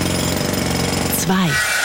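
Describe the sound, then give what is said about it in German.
A Kango demolition hammer pounds in a rapid, steady stream of loud, rattling blows, and a voice briefly cuts in near the end as the hammering continues underneath. “Also da der Hammer, der Kango-Hammer und die Eis.”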